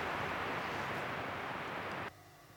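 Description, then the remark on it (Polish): Steady, dense radio static on the long-wave band hisses loudly across a broad band for about two seconds, then abruptly cuts to a quieter, thinner crackle as if the tuning changed. “A, teraz będę miał problem z zakłóceniami.”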